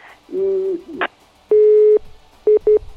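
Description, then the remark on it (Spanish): A telephone busy tone after a call with a caller in Jimena de la Frontera drops: one long steady electronic tone followed by two short beeps, loud, preceded by a brief muffled line noise. “Ay, pues se le ha ido el teléfono a nuestra amiga”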